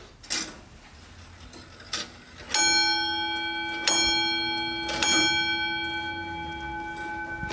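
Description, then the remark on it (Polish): After a couple of mechanical clicks, an antique clock from the early 19th century strikes its large metal bell three times, each loud chime ringing on and overlapping in a long, shimmering decay. No voices. “Natomiast przepięknie bije, ponieważ ma taki wielki metalowy dzwon i właśnie zaraz usłyszymy, jak to działa.”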